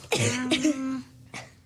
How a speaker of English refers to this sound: Oh, there's a lot of coughs happening. Oh my goodness! This studio.